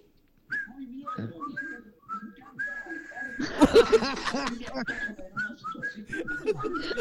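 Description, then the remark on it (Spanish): A person whistles a bird call: a run of short, high chirping notes and one longer held tone, broken by a brief burst of breathy, laugh-like noise before the chirps return. “A este pájaro lo conozco.”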